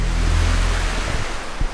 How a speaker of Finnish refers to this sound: Tää kohina tulee Sysmän Virtaankoskesta. Ei tarvi mennä kovin pitkälti ajassa taaksepäin, kun tämä koski ei niin kovasti kuohunut, kun voimalaitoksen pato katkaisi tämän virran kulun.